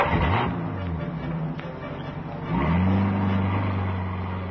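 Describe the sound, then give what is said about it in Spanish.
A car engine revs and accelerates in two rising pulls, loud, the motor's pitch climbing before it eases off slightly as the car drives away from the place. “Un coche se aleja del lugar, perdiéndose en la distancia.”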